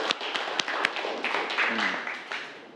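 students clapping hands

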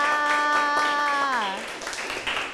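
classroom clapping

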